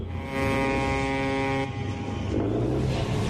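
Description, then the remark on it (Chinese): A fishing boat motor drones steadily over rushing waves as the boat nears the dock at Shazikou fishing port in Qingdao, China, around 4 a.m., with a strong, even tonal hum for the first second and a half before the rougher engine and water noise take over. “船灯越来越亮，马达声大过了海浪声。”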